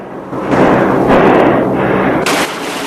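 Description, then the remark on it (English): Loud, dense bursts of machine-gun fire from a fighter plane's guns rattle over a steady roaring drone, with sharper surges of firing breaking out several times across the few seconds. “shoots. I said hold your fire!”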